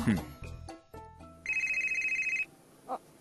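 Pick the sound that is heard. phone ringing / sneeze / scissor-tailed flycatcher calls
phone ringing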